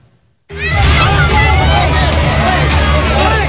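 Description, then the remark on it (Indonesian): A dense, agitated crowd of residents erupts suddenly after a brief silence, many voices shouting and clamoring at once in a loud, continuous uproar as they mob two young men accused of stealing near a fire on Jalan Dukuh Pinggir, Kebon Melati, Tanah Abang, Central Jakarta, on a Wednesday night. “Dua orang pemuda ini menjadi sasaran amuk warga di sekitar lokasi kebakaran di Jalan Dukuh Pinggir, Kelurahan Kebon Melati, Kecamatan Tanah Abang, Jakarta Pusat pada Rabu malam.”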